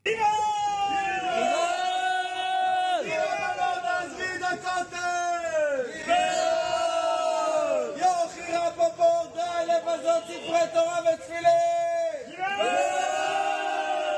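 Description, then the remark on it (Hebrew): A crowd of hundreds of Haredi Torah students from the Breslov Hasidic movement protesting in the morning outside Prison 10, the military prison, against the arrest of Haredi deserters and Haredi conscription, shouts and chants loudly without pause, many voices joining in long sustained phrases that swell and fall in pitch, repeating in waves every few seconds. “הנה הקולות מההפגנה.”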